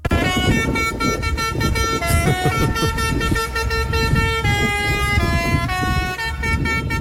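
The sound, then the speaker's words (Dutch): A loud novelty horn fitted to a fire truck blares a bouncy children's song, its stepped tones rising and falling over constant low road rumble, with no talking. “omdat de veiligheidsregio een grappig bedoelde toeter uit een brandweerauto had gehaald.”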